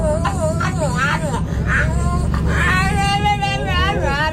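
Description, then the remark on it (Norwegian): A French bulldog sitting in a stroller on a bus makes a run of warbling, whiny vocalizations, rising and falling like chatter. It is fairly loud, over the steady low rumble of the bus engine. “En hund som prater på bussen.”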